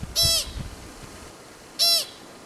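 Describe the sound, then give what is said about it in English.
Two short, shrill squeaks from a pika, a small furry mammal of the rabbit family about the size of a russet potato, like a squeezed squeaky toy, separated by about a second and a half of quiet background hiss. “She's looking for pikas, mammals with furry little bodies, about the size of a russet potato, and a call like a squeaky toy.”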